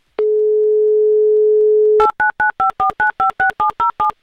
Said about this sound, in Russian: Номер телефона мы набрали. Ждем соединения. Занято.